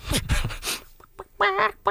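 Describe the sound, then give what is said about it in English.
A chicken clucks and squawks in several short, harsh bursts, fairly loud, with brief pauses between the calls and no one talking. “Yeah, that's the one thing that song is missing. Chicken.”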